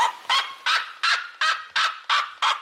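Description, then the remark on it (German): A red-legged seriema gives a loud, rapid series of yelping calls, about seven sharp bursts in steady rhythm, bright, with no voices present. “Ja, die Rotfußserie Ma, also der andere sehr laute Vogel, der hat so einen jaulenden Ruf.”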